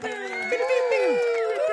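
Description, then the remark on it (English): An applause sound effect played on the radio station Joy 96.5 after a new host's first intro: a crowd cheering and whooping with rising and falling voices over a steady bed of clapping, held at an even, fairly loud level throughout. “Sound effect. That's so cool. Yeah, you got an applause.”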